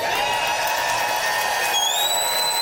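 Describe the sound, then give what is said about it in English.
A live public radio audience at the Regina Performing Arts Center in Regina, Saskatchewan, cheers in a steady, unbroken roar, with shrill whistles piercing through the noise and a rising whistle near the end. “I'll tell you this, those who are listening, this is one tough-looking public radio supporting crowd here tonight at the Regina Performing Arts Center.”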